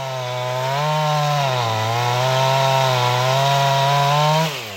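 A chainsaw runs steadily while clearing large branches that fell from an oak onto an old threshing floor on Karklö, an island in the Stockholm archipelago, its loud, buzzing engine whine dipping and rising in pitch under load before cutting off abruptly at the end. No one speaks.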